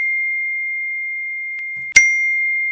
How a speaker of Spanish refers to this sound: ¿Cuántas notificaciones te están entrando en tu celular? Revisalo.